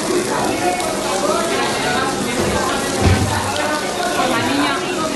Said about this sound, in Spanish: Las trabajadoras de una de ellas, la del Encinar, en Ciudad Lineal, tuvieron que sacar corriendo y deprisa a los niños porque el agua caía a chorros por las paredes.